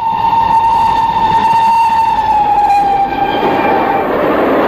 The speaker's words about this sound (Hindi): आवाज, रेलगाड़ी।